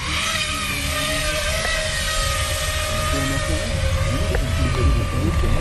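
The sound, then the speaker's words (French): FPV drone motors spin at a steady idle after the drone is pre-armed and armed, ready to take off, a continuous buzzing whine with a rough, noisy edge, fairly loud for several seconds without letting up. “Donc dans un premier temps, je viens préarmer mon drone et l'armer. Et là, je suis en mesure de décoller.”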